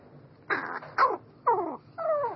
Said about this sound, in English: And a crow's song is particular to its social group.